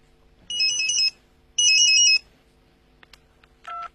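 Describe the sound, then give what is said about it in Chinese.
A mobile phone ringtone sounds in two loud, bright electronic bursts, each about half a second long with steady high tones, followed by a few faint clicks and a shorter chirp. “喂，谁打手机？”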